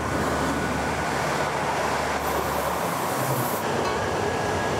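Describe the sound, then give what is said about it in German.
A train rattles steadily along the Hamburg–Berlin railway tracks in Bergedorf, a dense, continuous rumble and clatter that stays loud throughout, with a brief higher hiss partway through. No voices. “Das Rattern im Minutentakt ist bis heute geblieben.”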